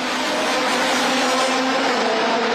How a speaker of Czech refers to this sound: Od časného rána zní centrem města dunění nejsilnějších závodních motorů.